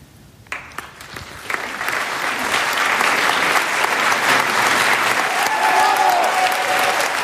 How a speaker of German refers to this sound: Das ist der Applaus für Jens Harzer. Er war gestern Abend beim Hamburger Theaterfestival im Thalia Theater zu erleben in Oscar Wildes De Profundis.